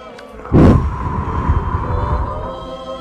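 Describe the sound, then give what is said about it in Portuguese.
A deep, breathy inhalation through the nose, demonstrated during a guided breathing exercise in prayer, begins with a sudden rush of air and continues as a steady hiss for about two seconds over a faint sustained tone. “Eu quero que vocês inspirem, mas eu quero escutar, tá?”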